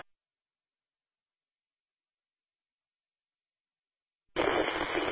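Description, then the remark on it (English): Four seconds of dead silence, then a sudden burst of harsh, tinny radio static from a weak, low-audio transmission sent from a handheld radio on the Palmer Divide in windy conditions, hissing loudly and steadily until the end, with no clear voice coming through. “A lot of static, sir, low audio.”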